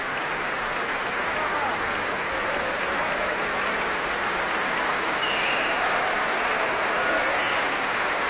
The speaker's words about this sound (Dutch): Applaus ook van de muzici van het orkest voor deze twee zangeressen. En nu ook applaus voor de verschillende muzici van het Concertgebouworkest.